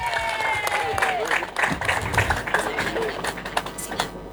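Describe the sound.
An audience breaks into applause, a dense, steady wash of many hands clapping at once, with sharper individual claps poking through and a few voices faintly underneath.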